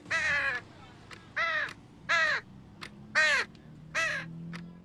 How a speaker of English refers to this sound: He cawed. The bird flapped his wings and pecked gently at the alarm clock.